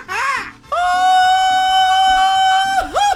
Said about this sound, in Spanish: ¿Les parece si el mejor grito mariachero se lleva el par de boletos?